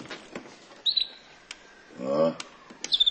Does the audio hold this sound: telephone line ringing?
no